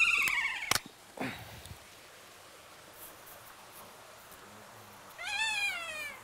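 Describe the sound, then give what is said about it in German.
Shrill, harmonic screeches from kea parrots in their aviary, greeting fresh snow, ring out in a few sharp bursts at the start, then after a quieter stretch a longer wavering screech rises again, over faint background hiss. “Man hört jetzt auch, wie sie hier rumschreien, wie sie diesen Schnee begrüßen sozusagen.”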